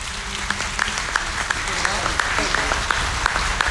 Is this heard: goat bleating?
no